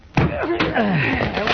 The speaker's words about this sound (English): Oh, that shot came from Douglas' apartment. Break down the door,